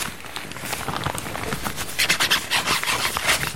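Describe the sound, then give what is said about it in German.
A paintbrush swirls and scrubs in a paint box as a five-year-old child mixes yellow and red paint, a soft, steady scratchy rubbing that turns into louder, quick repeated strokes toward the end, with no talking. “dann misch doch jetzt mal Gelb und Rot.”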